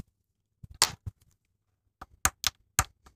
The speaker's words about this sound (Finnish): Kuitenkin todistan tämän aprikoosin läsnäolon nyt koputtamalla pikkulusikalla aprikoosista jäänyttä kiveä.